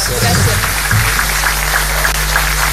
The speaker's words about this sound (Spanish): Y un aplauso para ellos dos.